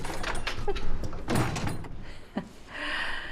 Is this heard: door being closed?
yes